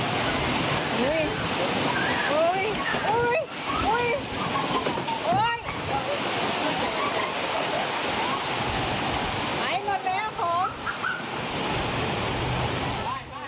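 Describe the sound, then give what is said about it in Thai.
Strong wind gusts into a bakery, blowing down light pastries on display, with a loud, steady rushing roar that never lets up, while people's voices break through in short bursts over the noise. “มีคนที่ใช้ Facebook เนี่ยนะครับเขาบอกว่าเป็นคลิปในร้านเบเกอรี่แห่งหนึ่งลมพัดเข้าร้านครับ โอ้ลมพัดแรงเลย”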